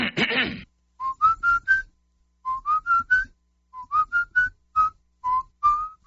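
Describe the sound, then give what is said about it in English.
A person whistles a slow hymn-like church song melody, learned in church, on the radio, in clear, sustained notes grouped into short phrases with brief pauses, after a short burst of noise at the start. “I have a lot of people tell me they hear me whistling on the radio.”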